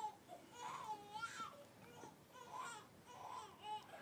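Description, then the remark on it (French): A baby cries in a series of rising and falling wails, four or five strained bursts with short breaths between, fairly quiet. “Maman, le bébé pleure.”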